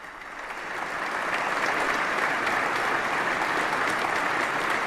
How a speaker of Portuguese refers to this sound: Papa Leão, que é aplaudido neste momento pelos fiéis presentes na abadia após o seu discurso.